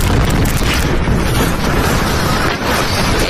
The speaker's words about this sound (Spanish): Era el momento de la explosión, cuyas causas todavía se desconocen. Lo que sí confirma la policía es que ha ocurrido en un sector de la base destinado a entrenamiento y a reparación de armas.